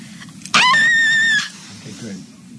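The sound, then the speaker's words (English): A single loud, shrill scream that holds a steady high pitch for about a second before cutting off, with a low murmur of background noise underneath and afterward. “That was an actual scream.”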